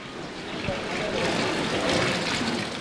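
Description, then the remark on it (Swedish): A steady wash of splashing and lapping water fills a large, echoey indoor pool hall, with indistinct voices murmuring in the background throughout. “Jag går ut i simhallen”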